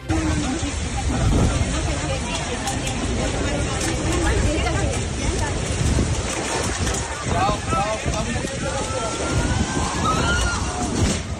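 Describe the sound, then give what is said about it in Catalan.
Strong gusts of wind from a sudden thermal downburst roar and buffet the microphone continuously at a beach in Cullera, in the Valencian Community, as the beach is evacuated, with water sloshing and a faint murmur of voices underneath. “En uns minuts es van tancar el cel i les fortes ràfegues de vent van obligar a desallotjar la platja.”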